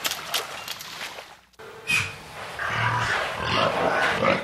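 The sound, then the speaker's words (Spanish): Pigs grunt and snort on a pig farm in the state of Yucatán against a steady, noisy barn background, with a short squeal and several rough, overlapping grunts breaking through. Nobody speaks. “De ella dependen miles de familias mayas y hoy están en riesgo por la imposición de más de 500 granjas de cerdo en el estado, que en su mayoría pertenecen a grandes empresarios, entre ellos el gigante industrial Quequén.”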